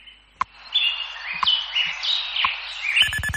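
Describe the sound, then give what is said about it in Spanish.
Several birds chirp and warble at dawn in Madrid, at 7:00 in the morning, in quick, overlapping phrases, bright, with a few sharp clicks and a rising buzzy burst near the end; no one speaks. “con los pajaritos de Radio Hora, que nos indican que amanece oficialmente en Madrid”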